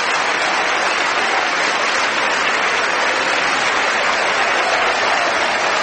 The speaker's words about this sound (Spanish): Aleluya. Dale fuerte esas palmas al Rey. Te adoramos, Señor.